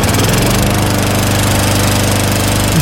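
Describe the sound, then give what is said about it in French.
A lawn mower engine runs loudly and steadily in a garden against a fence, left running without mowing, its throaty, rattling drone holding an even idle with harsh mechanical buzz throughout and no voices. “Quand notre winneuse, elle a décidé de sortir sa tondeuse pour la laisser tourner pendant presque une heure collée à la clôture.”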